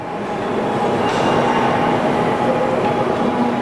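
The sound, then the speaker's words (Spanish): A Shinkansen high-speed train in Japan rushes along with a steady, loud roar and rumble, a faint whining tone riding over the noise throughout, with no voices. “Los trenes que circulan aquí son diferentes de otras series de Shinkansen.”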